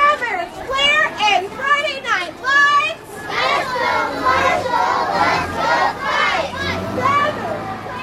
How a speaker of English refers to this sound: Each class held a banner matching this year's homecoming theme and chanted slogans of support for Marshall